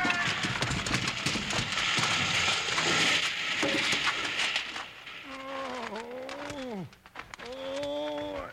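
A loud, chaotic crash of a circus big top tent collapsing on a carnival lot fills the first few seconds, then gives way to long, wavering animal cries and wails as the commotion settles.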